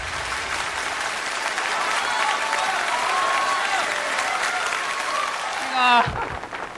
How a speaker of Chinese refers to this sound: 朋友们一鼓掌啊，我明白什么意思，发现我越长越漂亮是吧？谢谢谢谢啊。